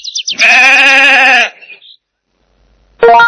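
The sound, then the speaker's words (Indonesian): A sheep lets out a loud, wavering bleat lasting about a second, trailing off into silence before a second bleat begins abruptly at the end, clear. “D. Domba. D. Domba. D. Domba.”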